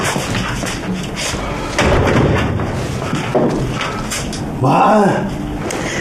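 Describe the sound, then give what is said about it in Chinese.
Heavy knocks or thuds against a door by a father come in a few loud bursts, with a deeper booming hit near the end, over a constant background hum and muffled voices. “你不可以再敲门了，爸，你这样我心脏病要犯了，死了就没有办法了啊。”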